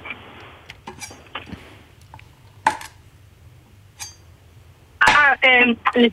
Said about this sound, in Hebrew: צלילים קשים, אני יודעת, זה לא אישי. זה היה חיתוך עם סכין על קרש.